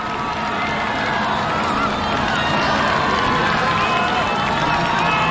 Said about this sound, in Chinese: 越接近主场看台啊，就能够听到现场观众的欢呼声越大。